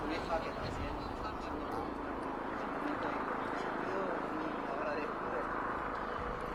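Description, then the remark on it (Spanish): A helicopter drones steadily overhead during security checks for the Pope's visit, a loud continuous roar with a low rumble that holds constant throughout, while indistinct voices murmur beneath it. “están pasando ahora mismo los controles de seguridad, el helicóptero, y pasan los inhibidores y nuestros reporteros también lo sufren ahora con las señales en directo.”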